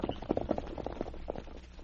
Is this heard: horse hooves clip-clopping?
yes